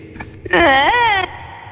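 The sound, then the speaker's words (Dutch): A person's vocal imitation of unintelligible moaning: a single wavering, wordless moan lasts under a second, loud, rising and falling in pitch like a fussing infant, with quiet background before and after. “Kan je even een beetje onverstaanbaar gekerm geven?”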